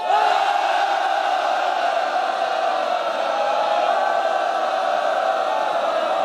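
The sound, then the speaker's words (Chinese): Loud, sustained applause and cheering from a large audience at the Army Arms University, welcoming a guest army battalion commander and alumnus: a steady wash of clapping with voices shouting over it, holding at an even level for several seconds. “让我们用热烈的掌声欢迎张灿灿。”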